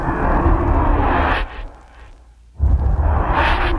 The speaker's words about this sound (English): Now these are I called opium whooshes, which are just used for transitions to get in and out of other sounds.